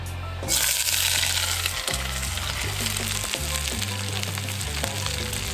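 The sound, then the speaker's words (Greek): Vegetables, including carrot and pepper, sizzle steadily in a little extra virgin olive oil in a hot cast-iron wok, a loud, continuous crackling hiss that begins abruptly and keeps going, with occasional clinks and stirring scrapes. No one speaks. “Με λίγο λαδάκι να σοβάρουμε. Κρέτα βοτάνικα, σιτία, έξτρα παρθένο, στιακό ελαιόλαδο. Μέσα τα λαχανικά και ακούστε.”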